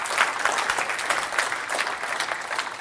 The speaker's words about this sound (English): Somebody give Jesus a hand clap right there. I just said something right there.